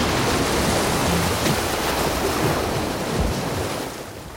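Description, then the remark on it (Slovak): A loud, continuous roaring rush like a huge crashing wave, dense, holding steady for several seconds before easing off slightly at the end. No voices. “V tej chvíli niečo zaburácalo a Ernestovi sa zdalo, ako keby ho prevalila obrovská vlna, ktorá ho zrazila naspäť do starého kresla.”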